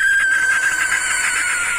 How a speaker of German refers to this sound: Es gibt ein Schlusslicht im Ranking der vorgespielten Vogelstimmen, und zwar ist es die Schleiereule, die ein sehr schrilles Kreischen hat, und das klingt dann am Ende ungefähr so. Ja, es könnte auch aus einem Horrorfilm kommen.